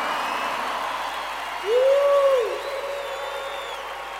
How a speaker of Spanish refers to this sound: fuertes aplausos.